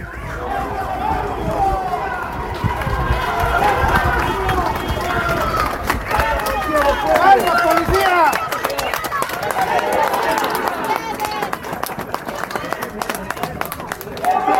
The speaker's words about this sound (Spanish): Pasando los policías, la gente aplaude.